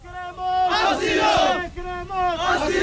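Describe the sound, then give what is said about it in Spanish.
A crowd of migrants at the Trampolín beach chants loudly in unison, asking for asylum, in the rain after a National Police cordon is lifted, with two long, sustained shouted phrases rising and falling in pitch, the second following a brief dip. “Escuchamos a la multitud pidiendo asilo”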